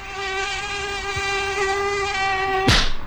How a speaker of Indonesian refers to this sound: Aduh, nyamuknya ganas banget sih siang-siang gini. Belang-belang lagi warnanya. Nah, itu dia. Nyamuk Aedes aegypti.